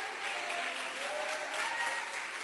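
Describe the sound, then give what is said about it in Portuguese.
An audience at a church service claps their hands to glorify Jesus in a dense, steady burst of applause that holds at an even, moderate level throughout, with no voices speaking over it. “Glorifica Jesus uma vez mais com tuas palmas.”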